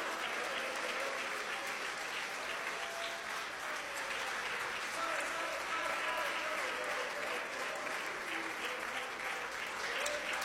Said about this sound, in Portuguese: Isso, pode aplaudir o nome de Jesus, pode.